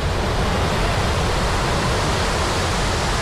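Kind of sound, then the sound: nature, water flowing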